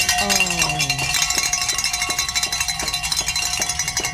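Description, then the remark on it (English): A bell rings rapidly and continuously for several seconds, its bright metallic strikes repeating in a steady, fast rhythm with a shimmering, ringing tone and no voices. “So let's ring the bell.”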